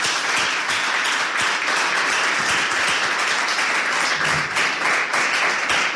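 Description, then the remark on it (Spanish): Sustained applause from a group, dense overlapping claps filling the whole stretch at a steady, fairly loud level with no talking over it. “Un aplauso, ¿no? Un aplauso.”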